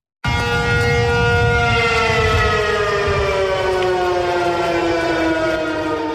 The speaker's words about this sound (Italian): le manovre coinvolgono anche la popolazione civile e oggi sull'isola sono risuonate le sirene antiaeree, le strade si sono svuotate e il governo ha rallentato la rete internet.